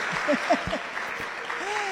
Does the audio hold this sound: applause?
yes